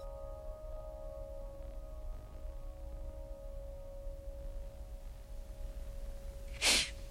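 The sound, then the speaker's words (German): A long, quiet stretch with a steady low hum, then near the end a single short, sharp, fairly loud breath, a quick inhale after a sip of water. No one speaks. “Und, Oh, ich war ein Schluck Wasser. Atmen kurz durch.”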